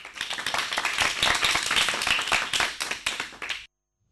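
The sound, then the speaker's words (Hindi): A burst of applause for two listeners who sent the correct answer to a quiz question on green hydrogen production, many hands clapping in a dense, crackling wash that holds steady for about three and a half seconds before cutting off abruptly into silence. “और इन दोनों के लिए सही जवाब के लिए जोरदार तालियां हो जाए।”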